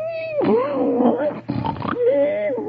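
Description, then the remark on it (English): A voice imitates the loud, exaggerated snoring of Br'er Buzzard, lying unconscious on the ground after flying into a tree: a rasping, growly inhale and exhale with wavering whistly tones sliding up and down, repeated in a couple of long, noisy breaths. “And there he lays with a different kind of snore.”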